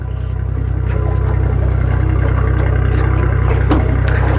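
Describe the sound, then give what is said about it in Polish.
A small aluminium boat with four benches idles with a steady low engine rumble, broken by clatters and knocks as the helmsman casts it off from its mooring and sits down at the helm. “Sternik nasz odsumowuje naszą łódkę, zasiada za sterem.”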